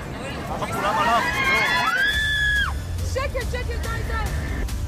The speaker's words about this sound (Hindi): हमले की वजह से विमान आउट ऑफ कंट्रोल हो जाता है। विमान नीचे की ओर गिरने लगता है। यात्रियों की जान अटक जाती है। विमान में चीख पुकार बच जाती है।